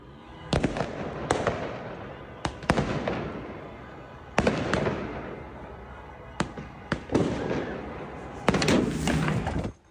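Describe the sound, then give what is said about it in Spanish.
Fireworks rockets explode in a rapid series of sharp, loud bangs, some clustered close together, over a continuous crackling roar and faint crowd noise, recorded from a seventh-floor balcony in Turkey during fireworks celebrating a football team's victory. “Dos personas grababan desde el balcón de un séptimo piso los fuegos artificiales por la victoria de un equipo de fútbol cuando uno de los cohetes cambió de dirección y les impactó directamente.”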